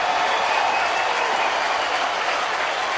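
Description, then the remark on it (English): A large ballpark crowd cheers during a baseball game as Contreras bats against pitcher Montgomery. The cheering is a steady, dense roar that holds at an even, loud level for the full three seconds, with clapping blended in and no voices standing out. “And the crowd making some noise here right now.”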